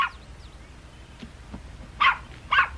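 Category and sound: animal, puppy barking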